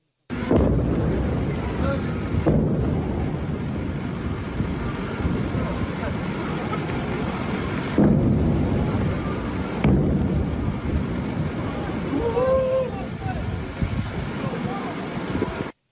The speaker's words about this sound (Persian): ویدیوی رسیده از مخاطبی به ایران اینترنشنال وقوع چندین انفجار را در بامداد 24 تیر ماه در سیریک نشان می دهد